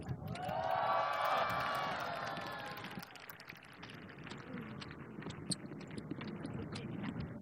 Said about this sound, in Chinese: 哇，感谢感谢，再次感谢，掌声。